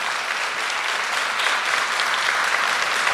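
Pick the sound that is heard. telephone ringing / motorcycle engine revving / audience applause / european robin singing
audience applause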